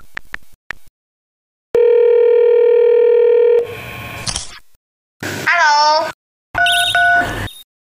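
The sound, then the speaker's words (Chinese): A few quick taps, then a loud, steady electronic ringing tone of a video call placed with China Mobile's New Calling, holding for about two seconds, followed by a noisy burst and short high-pitched voice-like sounds. “我用中国移动新通话给他们打一个视频电话，我们直接面对面问清楚吧。”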